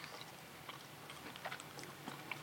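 Quiet chewing and soft crunching of a cream biscuit eaten like an Oreo biscuit, with small irregular crackles and mouth sounds repeating over a couple of seconds and no talking.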